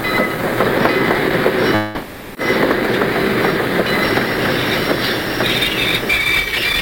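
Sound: train arriving at station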